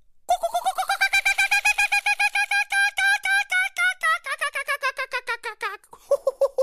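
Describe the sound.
A human voice imitates the laughing call of the Australian kookaburra: a loud run of rapid, repeated hooting pulses that climb in pitch, chatter on for several seconds, then break into lower cackles.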